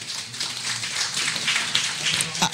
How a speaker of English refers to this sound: So seniors, give yourself a round of applause.